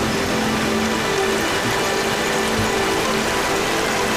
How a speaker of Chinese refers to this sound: 山中的天气反复无常，在黄岗山区域海拔1200多米的地方，雨水刚过，瀑布飞流而下，水量充裕。